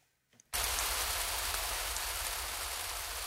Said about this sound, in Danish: Udenfor siler regnen ned, og det er koldt og mørkt.